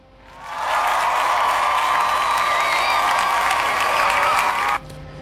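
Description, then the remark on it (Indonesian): Loud, dense applause from an audience swells up within half a second and holds steady as a continuous wash of clapping, then drops off abruptly near the end. “Ini ada 50% suara, kita kasih tepuk tangan ya.”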